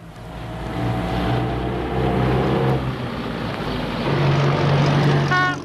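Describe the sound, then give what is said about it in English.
The engine of an old, high-mileage car drones loudly and steadily, its rough hum shifting pitch a couple of times as it labors and breaks down in the bush, with no voices over it. “And then, out of nowhere, yeah, your trusty million-miler jalopy gives up the ghost, leaving you and your family stranded in your weekend kaputs.”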